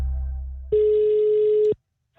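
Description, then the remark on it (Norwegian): A single steady telephone ringback tone sounds for about a second on an outgoing call, a clear mid-pitched electronic beep, preceded by a low hum and followed by a brief silence. “Sentralbordet på NRK prøvde seg på nesten akkurat det samme, der han prøvde å ringe Peppes”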